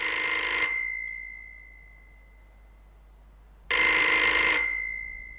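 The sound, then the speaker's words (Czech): A telephone bell rings in two loud, metallic bursts, each under a second, separated by a pause of about three seconds, with a faint tone lingering between them. No voices. “Čekáte hovor, Holmesi?”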